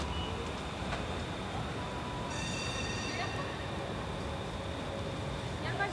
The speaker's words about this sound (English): That's what I'm hearing. A lot of noise is the train. Beeping noise.